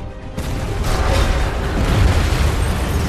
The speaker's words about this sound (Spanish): Una enorme explosión hace que el final de la pista se doble y se derrumbe.